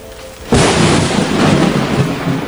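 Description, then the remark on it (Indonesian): Heavy rain bursts in suddenly after a quiet moment over a village where a bridge is being built, a loud, dense, continuous roar mixed with deep rumbling thunder that swells and holds steady to the end. “Hujan kembali turun dan hampir merusak jembatan yang sedang dibangun.”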